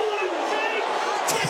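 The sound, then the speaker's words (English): A large stadium crowd at a football match between the Suns and North Melbourne roars in a dense, sustained wash of cheering voices, loud and steady throughout with no clear breaks. “Listen to the crowd.”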